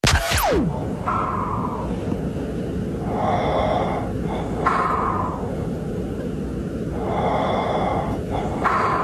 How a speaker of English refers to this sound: Do you think you're one of the culprits in the snoring household?